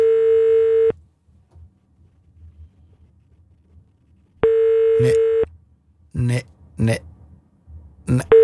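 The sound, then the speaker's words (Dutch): A phone line's ringback tone for an unanswered birthday call to entrepreneur and actress Kiemeke van Onsen sounds twice, each a steady one-second buzzy hum separated by a long silent pause; a voice starts talking over the end of the second ring. “Nu pakt hij niet op, hè.”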